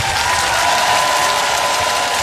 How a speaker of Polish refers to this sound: Proszę Państwa, ogromne brawa dla naszych debiutantów! Oni potrzebują dostać od Was ogromnej energii. Opole, krzyczymy teraz!